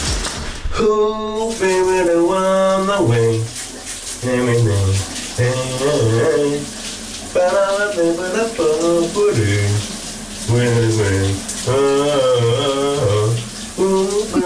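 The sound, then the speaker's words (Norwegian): A man sings a slow, subdued 90s hit in sustained phrases with brief pauses while taking a morning shower, the running shower water hissing steadily underneath throughout. “men den er også sådan lidt stille sangen, som han i dag synger i bruseren.”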